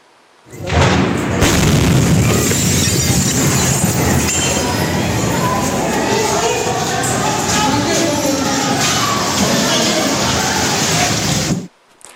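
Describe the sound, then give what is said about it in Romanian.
A sudden, loud explosion at a military depot in Bolivia, where Ministry of Defence pyrotechnic materials were stored, erupts into a sustained roaring, crackling rumble that fills about eleven seconds, with indistinct panicked voices of people rushing for shelter mixed into the din. “Imaginile filmate de martori surprind momentul deflagrației și clipele de haos care urmează.”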